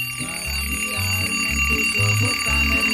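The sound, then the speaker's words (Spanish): An alarm clock rings steadily at 5:15 in the morning, its tone repeating in quick regular pulses over a low, rhythmic backing tune, loud throughout. “¡Levántese a ver que ya suelo el despertador, carajo!”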